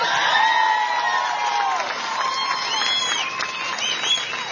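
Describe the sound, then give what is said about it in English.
A large crowd at a political campaign event cheers and whoops continuously for the campaign manager. A dense wall of voices carries rising shouts and whistles layered on top, loud and sustained throughout. “That cheer tells you what kind of a leader he is.”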